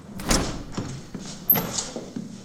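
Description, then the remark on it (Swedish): The door to a youth recreation centre opens with a broad rattling whoosh as someone steps in, then a second sliding, scraping surge follows about a second later, with faint room noise and small knocks between. “Han spelar biljard när dörren till fritidsgården öppnas.”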